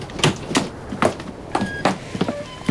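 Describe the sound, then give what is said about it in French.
A hand pump squeaks repeatedly as people keep pumping it, with roughly regular, fairly loud creaking strokes and no voices. “C'est la pompe qui fait ce bruit-là.”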